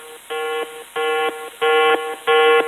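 A Ukrainian yellow-level drone danger alert tone: four loud, evenly spaced electronic beeps, each a bright harmonic tone about a third of a second long, alternating with a softer sustained tone in between. No voices.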